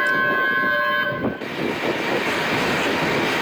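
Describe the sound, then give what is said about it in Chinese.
A long train horn blares with a steady, sustained tone as the Hongqiqu red tourism train K1969 slowly pulls into Hongqiqu Station in Linzhou at 4:56 pm, then cuts off and gives way to a loud, continuous rumble and hiss of the train rolling in. “下午4:56，伴随着悠长的鸣笛声，红旗渠号红色旅游列车缓缓驶入红旗渠站。”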